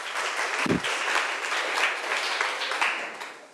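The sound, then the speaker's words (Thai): Students at both the origin and remote sites applaud steadily to encourage all the groups about to present their local-product advertisements, a dense wash of many hands clapping at once that holds a fairly even level from start to finish, with one low thump early on. “นักเรียนปลายทางคะนักเรียนต้นทางขอปรบมือเป็นกำลังใจให้กับทุกกลุ่มค่ะ”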